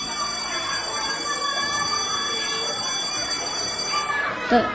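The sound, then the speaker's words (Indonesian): A school bell rings continuously for several seconds, a steady, sustained metallic clatter with a busy, murmuring background, before cutting off near the end. “Dan tidak lama kemudian, bel pun berbunyi.”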